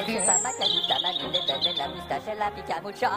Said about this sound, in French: Les oiseaux sifflent, le printemps siffle.